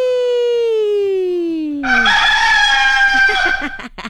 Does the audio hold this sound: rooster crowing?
yes